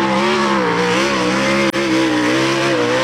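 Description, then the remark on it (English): Loud, steady roar of sprint car racing engines at Cairns International Speedway droning continuously, the pitch wavering slightly up and down, with a momentary cut-out partway through. No voices. “And we've got two big nights of sprint car racing happening this weekend.”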